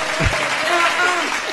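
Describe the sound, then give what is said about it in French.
Steady, dense applause from a crowd for a singer who has just performed live on Mega FM, a continuous wash of many hands clapping at even loudness, with a few voices rising faintly through it. “Il faut l'applaudir.”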